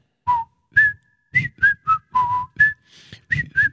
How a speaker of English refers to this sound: I think we've had enough whistling.